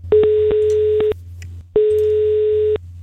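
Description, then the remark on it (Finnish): A steady electronic phone ringing tone of an outgoing call placed by Radio 957 to a listener who entered a contest on 957 Facebook, heard as two clear one-second beeps with a short pause between them, fairly loud over a faint low hum, with no voices. “Nyt on aika soittaa yhdelle henkilölle, joka on käynyt 957 Facebookissa kilpailuun osallistumassa.”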